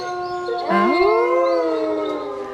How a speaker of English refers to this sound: we've got a little wolf corner happening now on Radio FM4. Yeah. They're howling.